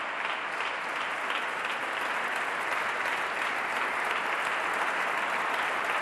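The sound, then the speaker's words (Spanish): Sustained applause from a large, standing audience at a festival concert, applauding the composer Alfredo Arancil at the podium: a dense, steady wash of clapping at even loudness for several seconds with no voices standing out. “Martina Batic aplaude emocionadamente al compositor. El público en pie.”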